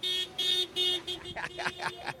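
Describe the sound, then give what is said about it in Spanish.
A car horn honks in a quick series of loud blasts, three steady toots followed by a burst of shorter, more varied beeps. “El claxon.”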